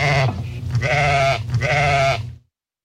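Sheep bleat in a quick run of wavering, nasal cries, three overlapping calls with a trembling pitch, loud and clear, then sudden silence.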